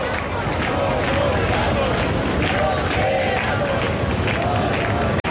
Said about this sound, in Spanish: La Puerta del Sol, de momento, el grito es, nos quedamos, no nos vamos, justo en el momento en el que se ha aprobado la derogación de ese primer decreto